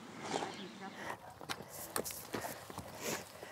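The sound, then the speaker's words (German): A young horse's hooves step along at an easy walking pace as it is led, several distinct clops over a busy outdoor background with murmuring voices. “Ja, das klappt doch super so mit dem Führen. Ist ja echt süß.”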